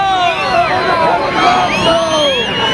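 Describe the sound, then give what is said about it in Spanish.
A large crowd boos Pedro Sánchez at last year's military parade, the people standing more than 200 metres from him; many voices overlap into a loud, continuous jeering roar that holds for the whole stretch without letting up. “Los abucheos que habitualmente se lleva Pedro Sánchez, estos son del desfile del pasado año.”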